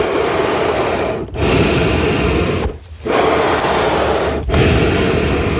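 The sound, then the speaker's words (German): Accordion bellows pushing and pulling air through the reeds in a loud, steady breathy rush with no musical notes, broken by three brief dips as the bellows change direction. “Und diese Luft wird dann durch sogenannte Stimmzungen oder Stimmplatten zu Tönen umgewandelt, die man dann im Endeffekt dann hört.”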